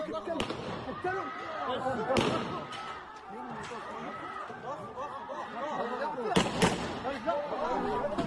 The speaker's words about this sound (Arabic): الشجارات والعائلية في بلدة عرعر النقب لا تأبى التوقف، وآخرها شجار بين عائلتين تطور إلى تبادل لإطلاق النار في مشهد وثقها أحد سكان البلدة.